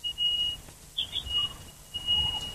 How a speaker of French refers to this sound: Donc là, la sonnette de votre porte d'entrée, il n'arrête pas de sonner? Toute la semaine, depuis lundi jusqu'aujourd'hui.